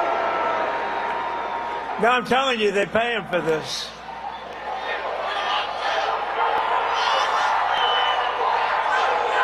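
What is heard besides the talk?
crowd booing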